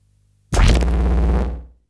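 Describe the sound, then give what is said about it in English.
A loud, bass-heavy burst of dub music with a washed, effected texture starts abruptly and plays for just over a second before cutting off. No one speaks. “So these are the crazy dubs.”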